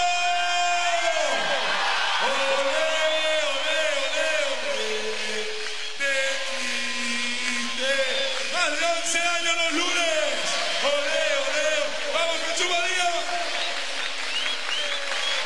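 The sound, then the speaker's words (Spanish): A large crowd in Jesús María shouts and cheers together in a sustained, loud roar of many voices, with whoops and rising chant-like yells continuing throughout, energetic. “¡Vamos, Jesús María, el grito!”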